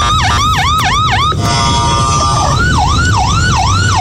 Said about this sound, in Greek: Συναγερμός στο κεντρικό Ισραήλ.